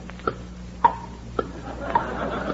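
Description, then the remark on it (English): A clock with an alarm set to ring at the stroke of 12 ticks steadily, about five crisp clicks spaced roughly half a second apart, over a faint low background hum with no one speaking. “In case you weren't, I brought this clock. Listen.”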